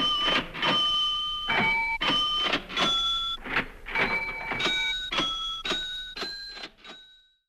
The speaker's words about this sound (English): playing it on a cash register